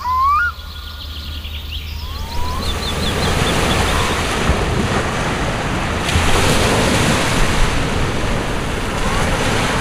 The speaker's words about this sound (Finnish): Aallot lyövät tasaisesti hiekkarantaan. Siihen vähän ylemmäs on kasaantunut rakkohaurua, siis rakkolevää ohueksi patjaksi. On sateista, tuulista ja märkää. Me olemme Hangossa Tektomissa hienossa kallioiden reunustamassa poukamassa